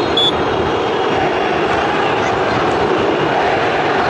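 Grêmio fans in a football stadium boo loudly and without letup at the end of the first half, a dense, steady roar of many voices that holds at the same level for the whole four seconds, with no single speaker standing out.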